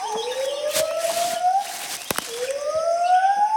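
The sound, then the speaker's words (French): Two lar gibbons sing from high in the treetops: two long, rising hoots, each a smooth whistle-like swoop climbing steadily in pitch over a second or more, with a brief pause between them and a faint buzzing background. “Encore ces sortes de ululements. Mais ils sont plus longs et viennent d'un autre endroit. Ce sont deux gibbons lards.”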